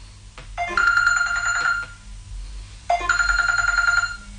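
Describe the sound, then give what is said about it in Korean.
A telephone rings twice with an incoming call, a steady electronic trill, each burst lasting over a second with a short pause between, loud with no voices. “식사 후 일주일도 지나지 않아 위형이 다시 전화를 걸어왔다.”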